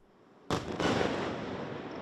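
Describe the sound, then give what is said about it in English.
A sudden loud explosive blast erupts after a moment of quiet, followed by a second burst and a long, rumbling, crackling tail, as Russian missiles and drones strike Kyiv, Ukraine, during the night. “Kyiv was under attack right through the night, shaken by huge explosions, as Russia targeted this city with its missiles and drones, and Ukraine tried to defend itself.”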